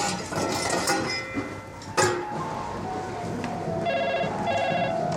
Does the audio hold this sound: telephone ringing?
yes